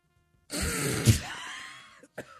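A man coughs hard, a harsh raspy throat-clearing burst lasting about a second and a half, followed by a couple of short gasping catches of breath.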